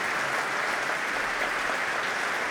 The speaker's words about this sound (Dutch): En hier klinkt het applaus voor de Franse dirigenten.